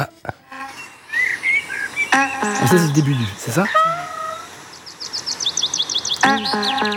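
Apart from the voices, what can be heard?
birds chirping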